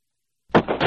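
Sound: gunshots echoing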